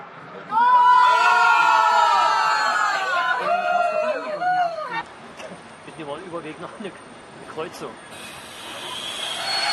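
On a train bound for Östersund during the football World Cup, a crowd of football fans watching the match live bursts into loud, sustained chanting and cheering for several seconds, then settles into a jumble of excited overlapping chatter and shouts.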